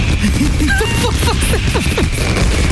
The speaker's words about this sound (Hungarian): Szóval, hogy most én azt szeretném, hogy közvetítsünk rádióban egy kicsit tűzijátékot. Milyen a hangulat? Kék, zöld. Piros, piros, sárga, kék.